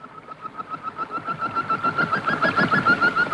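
Rapid, agitated chirping from hundreds of small birds darting above a river and pecking at the water, in a fast, steady pulse, growing louder and busier over a few seconds, with no voices.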